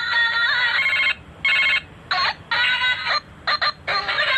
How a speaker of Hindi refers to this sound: अरे बेल वही तो मैं कह रहा हूँ, ये सुनिए जरा, बेल बज रही है, वो अजीब सी बेल है। मैंने तो किसी का पर्सनलाइज किया नहीं है आज तक।